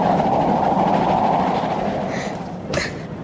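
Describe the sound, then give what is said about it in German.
A steam train rolls steadily along the rails, the station already out of sight and soot coming in through an open window, a continuous rumbling clatter that holds for a few seconds before a brief metallic clank near the end. “Der Ruß kommt rein und der Bahnhof ist sowieso nicht mehr zu sehen.”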